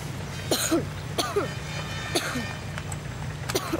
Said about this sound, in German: Deinem Husten müssen wir wirklich mal wieder zum Arzt.